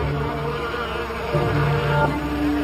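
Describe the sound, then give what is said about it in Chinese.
Honeybees buzz steadily at their hive, a dense, continuous hum of many wings with individual tones rising and shifting as bees move about; bees returning after finding food dance to tell hive mates about the food source. No voices present. “我们发现蜜蜂找到食物以后，它回巢会把食物源的信息通过舞蹈的方式告诉同伴。”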